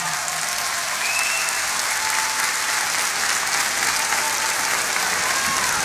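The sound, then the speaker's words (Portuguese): Sustained audience applause for a singer fills the space, a dense wash of many hands clapping at steady loudness throughout, with no voices standing out. “E obrigado pelas vossas palmas.”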